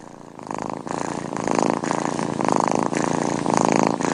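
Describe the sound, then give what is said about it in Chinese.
A cat purrs steadily, a continuous rumbling drone that swells in rhythmic pulses with each breath, loud and alone without any talking. “猫感到放松时会打呼噜，20到140赫兹类似低频白噪音，能促进人类情绪放松。”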